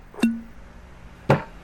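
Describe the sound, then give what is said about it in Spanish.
A rum bottle is uncorked with a crisp pop that leaves a short hollow ring, followed about a second later by a second sharp pop. No one speaks. “Un buen ron primero se destapa,”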